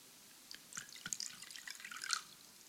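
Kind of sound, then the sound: household object, water being poured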